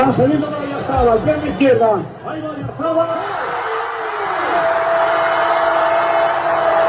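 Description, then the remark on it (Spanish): A large crowd in the town hall square of San Sebastián de los Reyes, Spain, watching giant screens, cheers and shouts at a goal. Many voices yell together, then swell into a steady, loud roar of celebration with a sustained horn-like tone running through it. “en San Sebastián de los Reyes fue uno de los que tuvo esas pantallas gigantes en las calles, en la calle, concretamente en la plaza del municipio, en la plaza del ayuntamiento. Oye, así lo celebraban.”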